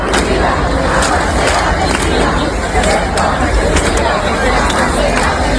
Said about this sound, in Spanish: Cantaban Ceuta unida, jamás será vencida, yo soy español, español, todo lo que se les ocurría, y desde luego muchos aplausos, muchas vivas a los reyes hemos escuchado en los últimos minutos y en las últimas horas.